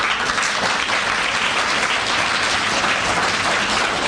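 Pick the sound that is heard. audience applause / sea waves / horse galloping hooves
audience applause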